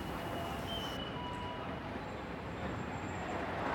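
A tram rumbles past over steady, dense city traffic noise, with a thin metallic squeal from the rails drifting above the constant low roar.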